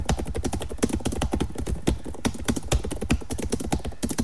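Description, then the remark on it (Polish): Rapid, uneven clacking of computer keyboard keys as someone types in Notepad to demonstrate how noisy the keyboard is, dense and continuous with occasional heavier strokes, fairly loud with no voices. “Ja mogę zademonstrować, jak wygląda pisanie na tej klawiaturze.”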